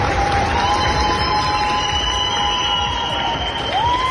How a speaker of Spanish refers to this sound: Grupos de España, Chile, México, Estados Unidos, solo por citar algunos, se marchan con la satisfacción de haber puesto su grano de arena, y en el aeropuerto los ciudadanos se lo agradecen con una gran ovación.